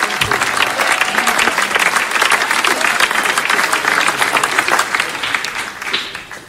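A church audience in an overflow room claps their hands in loud, sustained applause during a prayer service: a dense crackle of many overlapping claps that holds steady, then thins slightly near the end.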